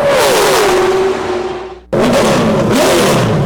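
A loud NASCAR race car engine revs hard, its pitch sweeping down as it fades briefly, then roaring back at full power with rising, throaty whine. No voices.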